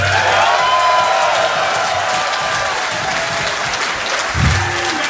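A crowd applauds loudly and steadily, dense clapping filling the whole stretch, with a few faint whoops and cheers mixed in.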